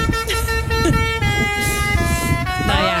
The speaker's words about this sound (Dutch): In april bleef de brandweerkazerne daar 4 dagen dicht, omdat de veiligheidsregio een grappig bedoelde toeter uit de brandweerauto heeft gehaald. Ja, brandweermannen waren daar boos over. Die toeter, die klonk als volgt.